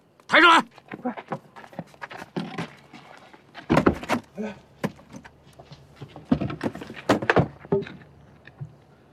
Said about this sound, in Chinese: 开门了！哎，大哥，有动静了！来了，开门了！